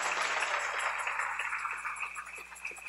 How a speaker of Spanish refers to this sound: Dale ese aplauso al Rey en esta linda y hermosa tarde.